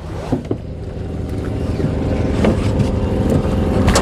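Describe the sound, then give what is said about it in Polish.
A small motorboat engine drones steadily as the boat reaches the dried-out shore at San José de Acininga, where the water level is very low. Its low rumble grows slightly louder, with a few brief knocks and splashes near the start and no voices. “Nasza łódka dotarła do brzegu.”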